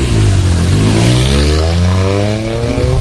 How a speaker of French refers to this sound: Un départ. Une petite voiture vers Metz, hein. Oui, un départ pas tonitruant, pas un départ très bruyant pour la Toyota Yaris à chaque fois.